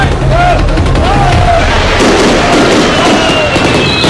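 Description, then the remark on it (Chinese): Loud, dense fireworks go off continuously at 8:45 pm as the start signal of a village incense fire dragon ceremony, a barrage of booms and crackling bursts filling the air, with a faint murmur of people in the background. “晚上8:45，烟花为训，活动开始。”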